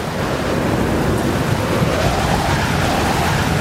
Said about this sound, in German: Der Sturm entfesselt sich wüst. Durch das Fenster können wir starke Wellen sehen, die sich wie Giganten erheben.